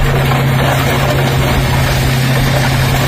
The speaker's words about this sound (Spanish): Así suena el momento suena, en el que la excavadora pasa por encima de estas motos que están apiladas y tumbadas como fichas de dominó.